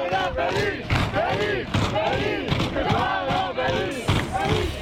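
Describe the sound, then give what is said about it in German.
A dense crowd of Westfalia Rhinan football fans in the south of Hamm chants and cheers, celebrating the club's Oberliga Westfalen title after a win over Türkspor, many overlapping voices rising and falling in a steady rhythmic swell, loud and continuous throughout, with occasional dull thumps underneath. “Hier ist die Lippewelle am Montagmorgen und ich glaube, im Hammer Süden wird immer noch gefeiert.”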